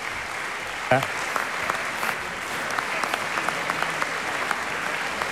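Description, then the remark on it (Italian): Sustained applause from an orchestra concert audience on its feet after an encore, a dense wash of many hands clapping steadily at moderate loudness, with a brief sharper burst near the start and no voices rising above it. “Un applauso ancora molto sentito, però c'è.”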